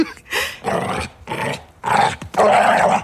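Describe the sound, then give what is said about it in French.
A dog barks and growls in a series of loud, rough bursts, about five in quick succession, with no talking, as it leaps up and runs behind the door at 6 a.m. “Le chien qui bondit en aboyant. Il court derrière la porte.”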